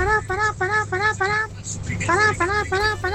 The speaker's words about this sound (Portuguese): Gente, buzinaço, por favor, vamos buzinar que dá tempo ainda, dá tempo. Quero você buzinando, motorista de ônibus.